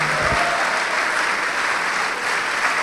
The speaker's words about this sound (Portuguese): Olha só, vamos aplaudir mais, vamos aplaudir mais.